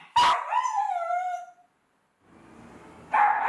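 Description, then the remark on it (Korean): A pet dog named Baptong barks loudly inside a home, over 100 dB: a sharp, shrill bark stretches into a drawn-out, falling wail, then after a short gap a rough, breathy sound builds into another loud bark. “얘 왜 이렇게 목청이 좋은 거야? 집안에서 울리는 소음 크기가 100dB 이상.”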